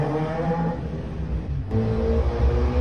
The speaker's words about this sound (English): People living in and around the Grove say motorbikes and mopeds race up and down the small routes daily and often late at night. The 20-mile-per-hour roads are surrounded by schools and one was recently made a school street.